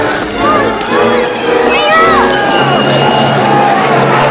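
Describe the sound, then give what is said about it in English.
An angry mob swarms the street during a trolley strike: a dense crowd of many voices shouts and yells over each other at once, with rising and falling cries cutting through a loud, steady roar of commotion that never lets up. “An angry mob swarms the street.”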